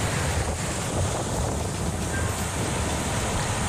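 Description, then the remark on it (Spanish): Rough ocean surf roars continuously, a dense wash of crashing waves mixed with gusty wind buffeting the microphone, loud and steady throughout with no voices. “Y yo creo que también es un oleaje bravío.”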